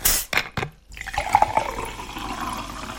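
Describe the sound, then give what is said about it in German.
A drink is poured into a glass, opening with a few short clinks and splashes, then a steady stream of liquid that rises slightly in pitch as the glass fills. “Jetzt mache ich mir erstmal was Leckeres zu trinken.”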